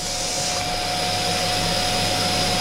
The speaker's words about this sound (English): Okay, now we're just going to take, we're going to vacuum pack now, another Kiwi classic. Engaging vac.